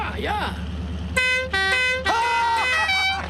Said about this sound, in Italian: Suona ancora il clacson, Edward!